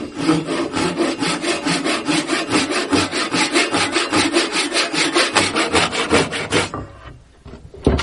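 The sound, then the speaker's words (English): A Japanese pull saw, cutting on the stroke pulled toward the user, cuts through wood in quick, steady, rasping strokes, a bright scratchy rhythm several times a second that continues evenly before stopping near the end. “This is a Japanese pull saw, and it works different from American saws in that you push on those.”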